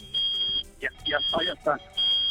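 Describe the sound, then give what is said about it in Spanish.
A tractor's reversing warning beeps, heard over a phone call to a radio show from a caller driving the tractor: a steady high-pitched electronic tone sounding in long pulses, with a voice talking briefly in the gap between two of them. “¿Qué es eso que se oye? ¿Una reversa o qué onda? Sí, es que ando en el tractor”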